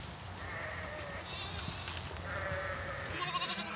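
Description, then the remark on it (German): A flock of sheep arriving at a pen bleats over and over, several overlapping cries with wavering harmonics, layered on a steady low rumble of shuffling and movement. No one speaks. “Und dann kommen auch schon die Schafe an.”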